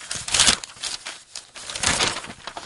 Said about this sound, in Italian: Bello rumore dei fogli, eh?